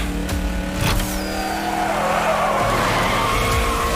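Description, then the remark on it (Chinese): Loud, continuous tire squealing and skidding from Spider-Man's racing car during a race, with a high screeching tone sweeping over a steady engine roar for several seconds. “蜘蛛侠这样也太损耗轮胎了！”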